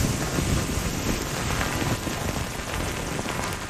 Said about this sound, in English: I love it to be in a forest after a first rain. Me too. Yes. There's something about it, isn't there? Oh, there is.